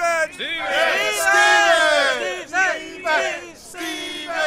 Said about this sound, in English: Did you hear that? They're shouting your name, Stephen, over and over.